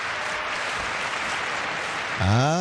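A steady wash of crowd applause, dense and fairly loud, runs throughout; near the end a voice rises over it with a cheer or call.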